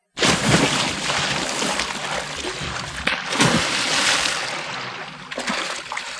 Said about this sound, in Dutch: Wat blijkt, er zijn wel heel veel kanalen in Drenthe. Grote diep. Mensen, staan jullie erop te wachten? Ja. Wij gaan te water.